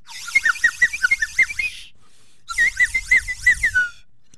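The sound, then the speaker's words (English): A slide whistle plays two bursts of quick, warbling up-and-down swoops, loud, with a short pause between them and no talking. “Slide Whistle is very excited about the show today and excited about the next segment here, where I will do a reading for you folks.”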